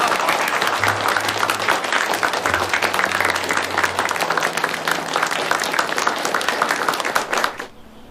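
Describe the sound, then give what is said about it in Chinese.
A group claps steadily for two gentlemen who have just spoken, for about seven and a half seconds, a dense, even patter of many hands with a faint low murmur beneath, before the applause stops abruptly. “两位先生讲的都对，咱们给两位先生都鼓鼓掌来。”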